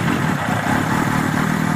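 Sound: motorcycle engine running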